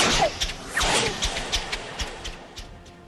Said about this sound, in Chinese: 羽箭又嗖嗖嗖地朝长胡子的曹操这边飞来